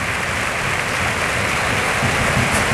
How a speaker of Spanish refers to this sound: Ovación para Raúl, de la Cartuja.